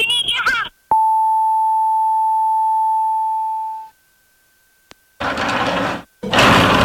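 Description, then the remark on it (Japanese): A steady electronic telephone tone sounds for about three seconds, clear, then fades out, as a call is placed to Takashima, a waste collection firm. Brief bursts of voices come before and after it, with a tiny click in the gap. “だろば、じゃあ高島に電話してみようや。”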